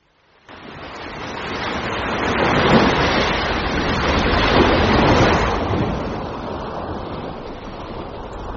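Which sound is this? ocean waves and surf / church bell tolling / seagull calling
ocean waves and surf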